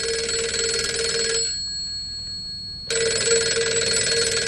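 A telephone rings with a loud, buzzy bell tone in two long bursts separated by a brief pause, clear with no one speaking.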